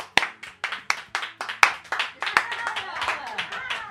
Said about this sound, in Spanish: Vaya bien que aplaudes, chaval. A vero. Vaya bien que aplaudes. Vaya manos, chaval. Aplaude. A vero. Aplaude, aplaude.